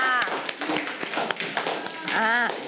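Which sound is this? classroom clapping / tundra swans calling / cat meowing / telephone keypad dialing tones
classroom clapping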